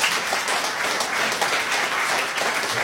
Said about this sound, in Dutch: Zo, nou, geef een groot applaus.